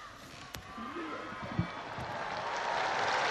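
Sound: crowd applause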